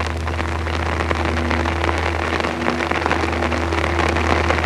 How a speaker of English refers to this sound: And the other sounds of the monsoon rain pouring down. Or the night-long drizzle drumming on your poncho.